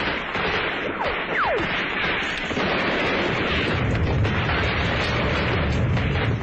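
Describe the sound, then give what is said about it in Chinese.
Shell explosions boom and roar in a dense, unbroken wall of battle noise as shells keep throwing up columns of water on a river and reeds on the far bank burn, with a couple of brief falling whistles early on and no voices. “河面上不断炸起水柱，对岸的芦苇里燃起了大火。”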